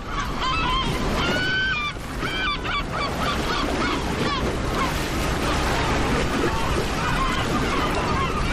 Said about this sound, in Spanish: estamos en el puerto de Malpica, donde empieza la Costa de la Muerte, en Galicia, en Coruña, y un puerto es un refugio. Aquí dentro, detrás del espigón, el agua está tranquila, las gaviotas gritan tranquilas y al fondo se está levantando un temporal.